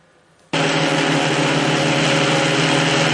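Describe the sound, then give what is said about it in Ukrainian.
A military drone of Ukraine's Pomsta brigade, flown at night on the Lyman direction, starts up abruptly after half a second of near silence, then holds a steady, loud buzzing hum with a low tonal drone and a bright whine layered on top. “Для ворога цей низький гул у темряві – прямий сигнал ховатися під землю.”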